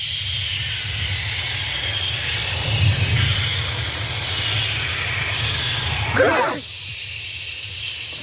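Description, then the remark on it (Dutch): A choir from Zeeland imitates the sea for Editie NL, with a steady, breathy whoosh of voices rising and falling like surf, holding a broad hissing wash throughout with a brief swell near the end before the low rumble drops away. “En we sluiten af met de zee, want bij Editie NL wilden ze weten of je de zee kunt nadoen. En een Zeeuws koor deed een poging.”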